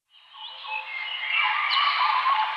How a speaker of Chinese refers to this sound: 鸟鸣，溪流，森林，草原，大海。如果有一天，这些美好的声音突然消失，为了守住这些美好的声音，热爱大自然，呵护地球家。